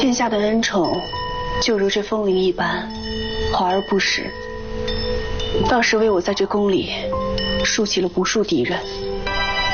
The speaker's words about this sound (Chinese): 殿下听闻美人最近心绪不佳，特命人挑选了西域进贡的风铃一串，有养心凝神之效， 挂上吧。